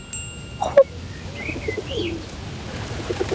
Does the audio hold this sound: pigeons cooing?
yes